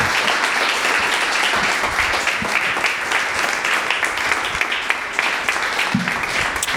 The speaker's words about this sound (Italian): Fate un bel applauso ai nostri tre relatori.